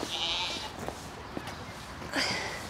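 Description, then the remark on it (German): Goats and young kids bleat, two clear high-pitched cries with a few short clicks and rustles between them, while the goats are being fed and cleaned out. “So, und nach den Ziegen darf ich heute an meinem letzten Tag auch noch mal schauen.”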